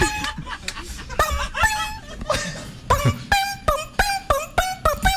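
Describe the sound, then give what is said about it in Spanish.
A person imitates a bellbird call with mouth and tongue, a series of sharp, ringing tonal clicks repeating in a steady, quickening rhythm, fairly loud. “Pájaro campana. No, es que yo lo estoy tocar con la lengua.”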